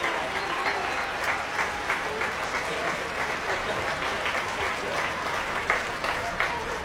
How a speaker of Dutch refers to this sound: Nog meer applaus voor de strijkers van het Concertgebouworkest. Die komen nu op.